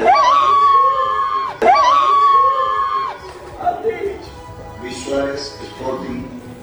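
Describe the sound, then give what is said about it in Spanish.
A woman, the partner of footballer Juan Camilo 'Cucho' Hernández, lets out two long, loud, high-pitched screams of excitement back to back as his name is read out in the list of called-up forwards, then excited chatter and shouts from a few people follow. “El grito de la dama es de su pareja. Creo que estaba más emocionada ella que él.”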